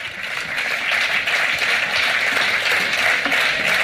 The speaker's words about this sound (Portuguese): Un aplauso para o coro de Xunqueira, un de Pontevedra. Moi ben, chavales.